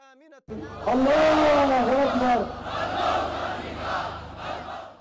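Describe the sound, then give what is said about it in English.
Hundreds of Ansarullah Houthi supporters at a rally in Sana'a, Yemen, celebrating the group's military gains, chant loudly in unison in support of the group, voices rising in a sustained harmonic roar that then breaks into a dense, overlapping wash of shouting. “The crowd chanted in support of the group, performed traditional jab dance and waved the Yemeni flag.”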